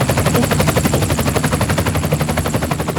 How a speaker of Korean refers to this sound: 어? 저 헬리콥터는 뭐야? 왜 점점 나한테 다가오는 거지?